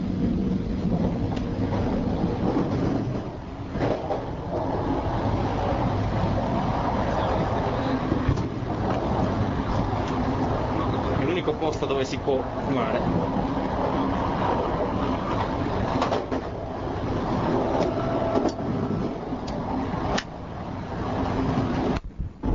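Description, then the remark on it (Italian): Steady, loud low-frequency rumble inside a moving train bound for Milan, continuous throughout with faint rattles and clunks, while a voice speaks briefly near the start. “Siamo sempre sul treno, sono le ore 20 e 10 e stiamo andando in zona fumatori.”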